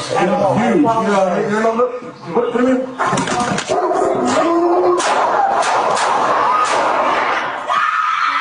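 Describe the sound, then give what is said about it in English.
Police body camera audio at an apartment complex in Canoga Park: a dog barks and yelps amid loud, frantic shouting from several people, the commotion continuous, with sharp noisy bursts cutting through the middle as an officer shoots and kills the dog. “releasing body cam video, and you hear the audio too, showing an incident during which an officer shoots and kills a dog”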